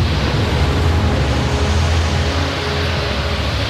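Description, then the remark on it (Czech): Roaring stormy sea with heavy waves and strong wind that keeps strengthening around a sailing ship, a dense, constant wash of noise with a deep low rumble, loud, with no voices. “Takové vlnobytí jsem si nedokázal ani ve snu představit, pane Hawkinsi.”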